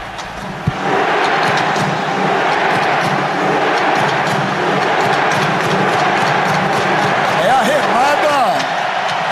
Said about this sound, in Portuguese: E olha, eu falar, nesse exato momento que começa a remada dos torcedores noruegueses aqui, onde tem uma camisa vermelha, tá tendo a remada. Olha, é muito legal, cara.